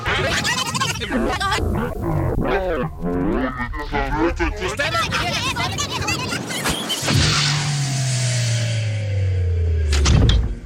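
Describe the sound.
After a stretch of talking, a long, loud creak slowly slides downward in pitch for a few seconds, like a heavy door swinging open, then stops abruptly: the door to the radio archive at Sveriges Radio, on Gärdet in Stockholm, being opened.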